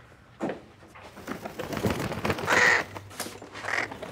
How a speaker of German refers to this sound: Was war das? Ich hab einen Frosch im Hals. Das ist doch eine Krähe